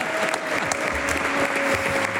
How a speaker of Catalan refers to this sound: Ara el sento. Aplaudiu més, home!